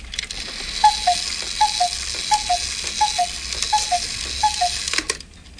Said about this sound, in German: Hassuhr ist zum Beispiel eine Kuckucksuhr. Können wir hier rum, ja. Warte mal, das sind Kuckucksuhren.